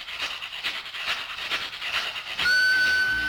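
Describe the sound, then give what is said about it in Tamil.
A gourd shaker, a percussion instrument made from a dried bottle gourd, plays a hissing, rattling rhythm that chugs steadily like a train, then gives way to a sustained whistle-like tone at the end. No one speaks. “ஷேக்கர் தான் அது.”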